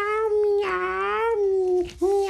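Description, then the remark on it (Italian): A voice imitates a cat's meow as Lallo, a little horse character, loud, stretching into one long wavering, nasal cry before a brief break and a second meow. “Lallo, come mai miagoli?”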